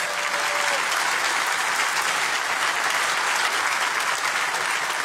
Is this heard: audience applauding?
yes